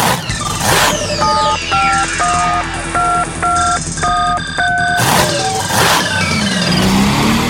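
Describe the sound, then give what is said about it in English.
An engine revs loudly in short bursts, its pitch climbing near the end, while a rapid series of telephone keypad beeps plays over the middle. No one speaks. “It's mud slinging, engine revving, tractor pulling action.”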